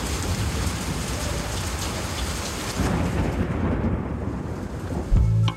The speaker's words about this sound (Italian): Piove, senti come piove, Madonna come piove, senti come viene giù.